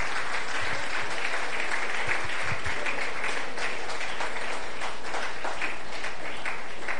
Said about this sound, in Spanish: Gloria a Dios, denle un fuerte aplauso al Señor, amada iglesia, el Señor les bendiga.